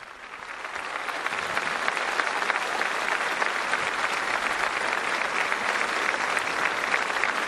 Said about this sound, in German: Es lebe der Papst. Viva, viva. Und tosender Applaus.